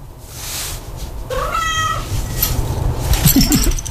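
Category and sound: animal, cat meowing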